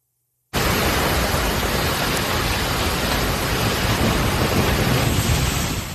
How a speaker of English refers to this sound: Kearney, Missouri, heavy rain, strong winds slammed the city. Kearney's just northeast of Kansas City.